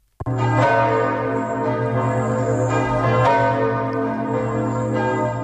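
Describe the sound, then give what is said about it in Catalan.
Church bells across France peal continuously and loudly for 7 minutes to welcome Pope Leo XIV on his arrival in Paris, their rich overlapping tones ringing out together with a sustained hum beneath, beginning abruptly after a brief silence. “Les campanes de tota França han repicat durant 7 minuts per donar la benvinguda al Papa Lleó XIV, que ha aterrat a l'aeroport de París-Orly a les 10 del matí.”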